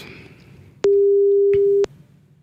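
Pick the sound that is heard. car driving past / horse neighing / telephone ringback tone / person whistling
telephone ringback tone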